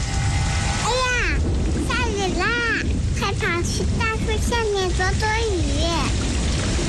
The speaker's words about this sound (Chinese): 下雨了，收起风筝吧，雨天放风筝容易被雷电击到。